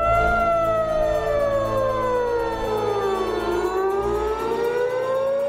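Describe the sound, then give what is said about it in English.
Several sirens wail together across Tehran, Iran, their pitches sliding slowly down and back up in long overlapping sweeps, loud and steady over a low rumbling background, with no voices. “The sirens screamed across Tehran.”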